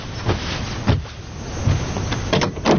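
A door being opened, with several sharp clunks and rattling scrapes spread over a few seconds, and a steady background hum in between. No one speaks.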